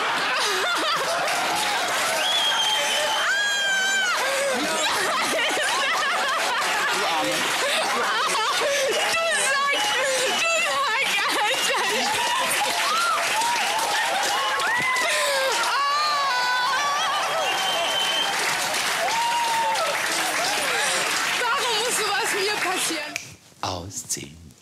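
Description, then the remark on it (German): A loud, steady wash of crowd noise fills nearly 25 seconds: dense clapping mixed with shrill cheers, screams and laughter, then cuts off abruptly near the end. “Ich möchte noch mal einen riesengroßen Applaus Milka.”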